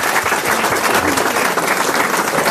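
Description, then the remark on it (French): A crowd applauds steadily, a dense wash of many hands clapping at once, loud and sustained without pause throughout, applauding a Koh-Lanta contestant seated in the front row. “On peut l'applaudir, mademoiselle.”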